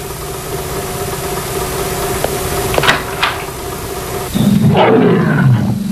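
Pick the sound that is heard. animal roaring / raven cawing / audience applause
animal roaring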